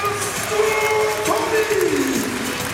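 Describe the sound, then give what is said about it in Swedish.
A large indoor crowd roars and cheers steadily throughout, with sustained horn-like tones rising and falling above the dense noise of the arena. “Och då reser sig publiken upp till Skandinavium.”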